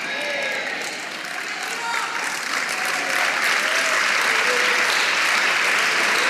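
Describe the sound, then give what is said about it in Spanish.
An audience claps for the Lord in a dense, continuous wash of applause that swells slightly and holds steady, with faint voices calling out beneath the clapping. “Vamos, dele palmas al Señor, dele palmas, dele palmas, dele palmas.”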